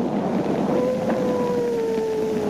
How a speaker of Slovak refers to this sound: Tak toto je takmer 80-ročná nahrávka veľryby, ktorú vedci našli len pred niekoľkými dňami pri upratovaní nejakého archívu. Najstaršia veľrybia nahrávka na svete.